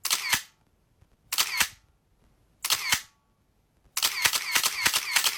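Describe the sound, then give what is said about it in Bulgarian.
Rapid paparazzi camera shutter clicks in short bursts: three quick clusters separated by brief pauses, then a longer continuous volley of clicking, crisp, with no voices. “Както се сещате, това е звук от фотоапарат. Папарашки фотоапарат, ако трябва да сме точни.”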